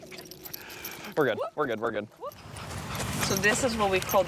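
Dogs in New York State whine and yelp in a quick run of high, pitch-sliding cries before being taken out for a walk, followed by more restless whimpering over a busy, rustling background with a faint jingle, like keys or tags.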